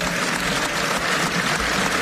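Sustained applause from right-wing political groups of MEPs in the European Parliament at a roll-call vote. It is a dense crackle of many hands clapping steadily and loudly for the whole stretch, with faint voices mixed underneath, including shouts of "Shame on you" from left-wing MEPs.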